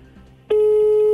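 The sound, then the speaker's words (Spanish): After a brief murmur of low background noise, a loud, steady telephone tone cuts in abruptly and holds at one constant mid pitch. It is a call to a user service center ringing unanswered. “Llama, pero no contestan.”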